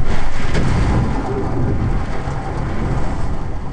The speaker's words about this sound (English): Wind gusts here topped 70 miles an hour. It almost sounded like there were waves lapping against the side of the building. I recorded a little bit of it.